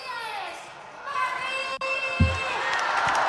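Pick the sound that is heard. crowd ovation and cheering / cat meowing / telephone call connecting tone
crowd ovation and cheering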